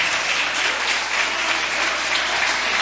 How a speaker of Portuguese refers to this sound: Vamos receber a serva de Deus com palmas, bem alegre para Jesus.